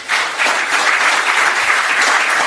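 Sustained audience applause, a dense, steady wash of many hands clapping at a loud, even level throughout, with no voices standing out above it.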